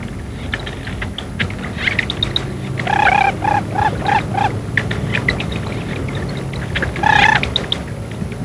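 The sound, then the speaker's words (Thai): A run of five or six clear, whistled calls from a mother lesser whistling duck rings out, then one more later, over constant soft cheeping and chatter from her newborn ducklings, which climb onto her back one after another. “ลูกเป็ดแดงที่เกิดใหม่จะปีนขึ้นไปเกาะอยู่บนหลังแม่ตัวแล้วตัวเล่า”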